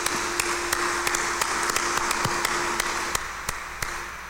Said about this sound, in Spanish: démosle fuerte el aplauso de felicitación.